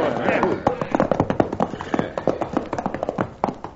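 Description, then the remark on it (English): Several horses' hooves clatter in a rapid, uneven flurry of sharp thuds, holding a busy rhythm as the riders rein up and the horses come to a halt. “we're running these horses to death, getting no place.”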